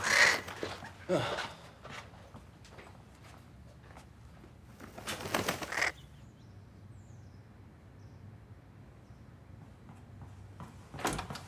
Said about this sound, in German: Das ist eine Krähe. Ja, das wissen wir.